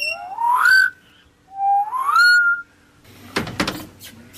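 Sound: birds singing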